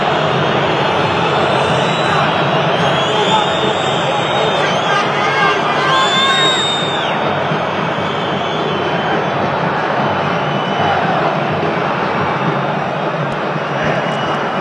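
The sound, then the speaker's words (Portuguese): A huge stadium crowd of football fans roars steadily after the final whistle of a match ending Fluminense 3, Corinthians 1: a dense, unbroken wall of cheering and shouting with a few higher yells and whistles cutting through near the start. “Vamos ouvir a torcida.”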